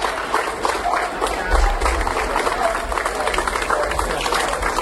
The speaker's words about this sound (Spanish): El operativo de bomberos de la Diputación de Málaga ha sido recibido así, entre aplausos, en su escala en Colombia, antes de poner rumbo a Venezuela.